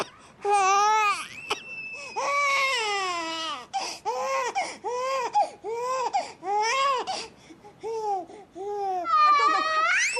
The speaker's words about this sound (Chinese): 婴儿床上的小婴儿突然啼哭起来。